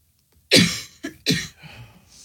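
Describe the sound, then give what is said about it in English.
A loud fit of coughing from a woman: one harsh hack followed quickly by two shorter ones, with a faint wheezy breath trailing after and no talking. “She claims she can't reach the cough button.”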